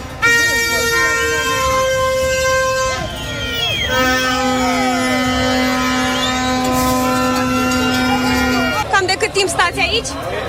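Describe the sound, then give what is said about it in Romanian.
Many car horns blare at once in a dense, overlapping chorus from long lines of cars stuck in traffic paralysed by protesters refusing to leave the middle of the street, some held long and steady, others tooting in short bursts, loud, with a murmur of voices underneath. “Din cauza manifestanților care refuzau să plece din mijlocul străzii, s-au format coloane mari de mașini. A fost paralizată circulația, inclusiv în pasajul Victoriei.”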